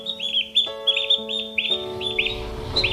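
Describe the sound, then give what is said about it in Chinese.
Ducks quacking in quick, overlapping bursts, a steady chorus of nasal calls, with no one speaking. “鸭子的寿命大多在七八年，分开三天对他们来说真是如隔三秋，和人类爸爸分开三天。”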